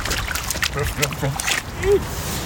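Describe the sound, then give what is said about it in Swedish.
A small boy in blue rubber boots, out on a walk with his father in Umeå, Sweden, steps into a water puddle, giving a few wet, sloshing splashes in an uneven rhythm, with faint voices murmuring underneath. “På väg ner i en vattenpöl.”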